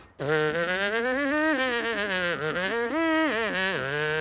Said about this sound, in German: Alle Melodien mit den Lippen summen. Und dann kommt der große Verstärker.